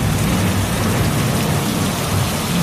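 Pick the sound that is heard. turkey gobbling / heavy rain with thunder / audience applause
heavy rain with thunder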